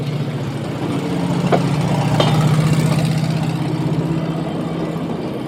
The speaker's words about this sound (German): Sieht aus wie ein Auto. Ein Schienenauto. Hören wir mal das Schienenauto. Das kennt man schon, aber Schienenauto ist mal was Neues.